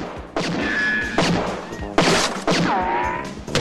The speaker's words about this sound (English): shoots his way out of the cupboard.